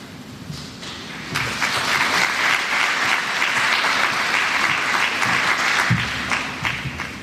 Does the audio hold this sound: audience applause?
yes